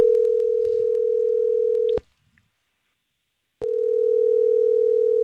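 A steady, loud telephone dial tone of an outgoing call placed by the Star 101.3 morning show hums for about two seconds, cuts out into brief silence, then resumes just as steady until the end, with no voices present.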